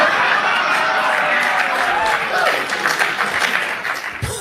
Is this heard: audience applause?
yes